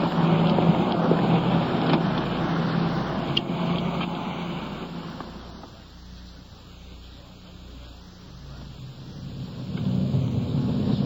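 A police car's engine rumbles steadily as the vehicle pulls off, its broad motor and road noise easing down in the middle before swelling louder again near the end. No one speaks.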